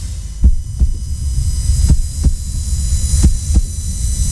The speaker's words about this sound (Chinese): 这是一位护士被大声吼叫，威胁，甚至被抓住之后的心跳声